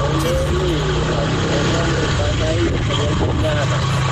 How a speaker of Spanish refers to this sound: No se oye, no se oye. Se escucha más ahí la moto, no sé qué es lo que es.